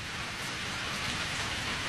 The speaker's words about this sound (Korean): 기승을 부리는 폭우의 울부짖음이 그의 귓전에로 흘러들었다.